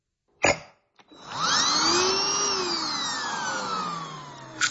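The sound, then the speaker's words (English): A handheld vacuum, a Dustbuster, is lifted out of its charger with a short click and a clack, then switched on, its motor whining up to a steady high-pitched drone that slowly sags in pitch, ending with a couple of faint clicks. “I think it is removing a dustbuster from the charger, yep, clicking it on, yep”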